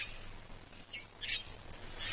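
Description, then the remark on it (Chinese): Two harsh, short squawks from a Cape parrot ring out in quick succession over a steady outdoor hiss, with another call starting at the end; no one speaks. “好望角鹦鹉只需吃上两三颗就饱了。”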